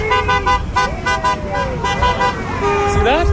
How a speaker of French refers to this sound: Vous voyez, le conducteur qui vient de klaxonner est philippin.